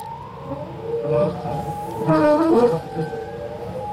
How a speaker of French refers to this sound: On évoque le chant des baleines dans CQFD aujourd'hui. Je vous propose un extrait d'un disque étonnant daté de 1970. On va commencer à l'écouter.